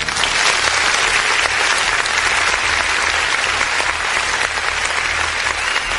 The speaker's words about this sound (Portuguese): Eu quero parabéns, quero aplauso aí pra nossa gloriosa Polícia Civil e da Polícia Militar do Distrito Federal, produção!